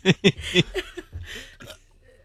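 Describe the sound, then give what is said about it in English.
A few quick, loud burps near the microphone, three sharp bursts in a row, followed by softer throaty vocal sounds that trail off into quiet. “what are you going to burp near the microphone?”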